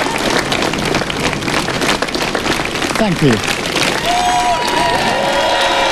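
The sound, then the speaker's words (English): Steady, dense applause from staff and ministers gathered in the sunshine on either side of Number 10 Downing Street as a man walks out hand in hand with his wife, leaving for the final time, with a few cheers mixed in. A man briefly speaks over the clapping partway through. “He walked out to applause and hand in hand with his wife.”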